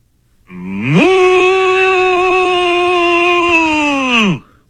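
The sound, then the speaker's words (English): A person imitates a cow, pretending to be an attack cow, with a single long, loud moo, its pitch swooping up at the start, holding steady for several seconds, then sliding down as it ends. “Could you pretend to be an attack cow and just moo?”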